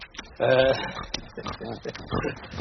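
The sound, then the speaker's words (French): Three huge pigs, nearly the size of wild boars, grunt and snort while a man feeds them, opening with a loud, drawn-out squeal followed by a series of short, rough grunts in quick, uneven succession. “Le mari est en train de donner à manger au cochon.”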